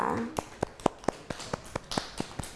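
Children clap their hands in a quick, loose round of about ten sharp claps, fairly even but not perfectly in time, with faint voices murmuring underneath.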